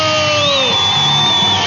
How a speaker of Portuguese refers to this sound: Palmas pra todo mundo.